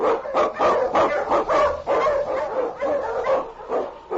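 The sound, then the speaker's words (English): A pack of husky sled dogs, led by King, barks and yips excitedly in a steady, overlapping chorus, loud, with no pauses throughout, while blazing a trail through storm and snow in the Yukon. “The underdog king, swiftest and strongest of Eskimo League dogs, blazes a trail through storm and snow for Sergeant Preston as he meets the Challenge of the Yukon.”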